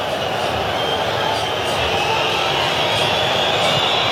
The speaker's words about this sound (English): Now you hear the whistles again. And the booing.